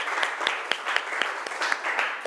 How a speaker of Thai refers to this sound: ปรบมือดังๆให้ตัวแทนจากกลุ่มที่5